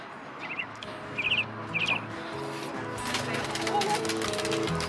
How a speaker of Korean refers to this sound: 태어난 지 얼마 안 되어 보이는 새끼도 있습니다. 얘가 지금 태어난 지 일주일 된 비둘기 새끼예요.